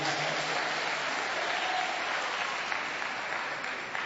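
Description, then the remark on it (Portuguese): Steady applause from an audience at a morning religious service, clapping for Jesus, a dense, continuous clatter of many hands clapping at an even loudness throughout, easing off slightly at the very end. “Palmas para Jesus.”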